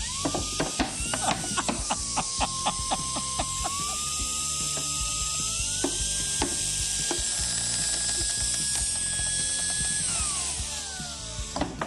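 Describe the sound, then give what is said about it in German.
Dense mechanical crunching and cracking with rapid ratchet-like clicks, as a machine crushes a hard plastic bottle, while a steady motor whine rises and falls in pitch throughout. “So eine Flasche, da kannst du dich draufsetzen, die drückst du noch nicht mal mehr zusammen. Wie wollen wir die denn zerkleinern?”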